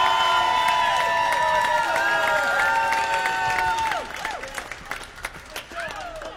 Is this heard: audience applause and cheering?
yes